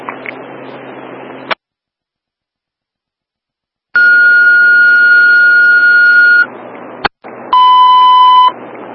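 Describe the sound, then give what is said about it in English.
Fire dispatch alert tones for a commercial general fire alarm activation at McKeesport Towers, City of McKeesport, alerting the engine, come over a hissing radio: a long steady tone, a brief click and pause, then a shorter, lower tone, after a stretch of static and silence. “No, go ahead and hit the tone, just add the engine.”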